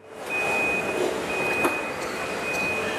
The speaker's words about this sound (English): Inside this Chinese car-making factory, there's barely a human in sight. Robots wheel the car frames along the ground between different stations, where more robots piece the rest of the electric vehicle together.